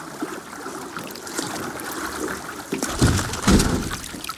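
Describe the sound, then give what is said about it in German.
Water churns and rushes steadily, then two heavy splashing surges hit at about three and three and a half seconds as a boat capsizes mid-conversation with an anthropologist and Mettler, who is filming, aboard. No one speaks. “Das Unvorhergesehene trifft ein, das Bild wird schwarz, das Boot ist umgekippt mit dem Anthropologen und dem filmenden Mettler darin, mitten in der Konversation.”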